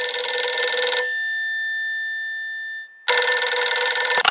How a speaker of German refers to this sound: Sein Telefon klingelt.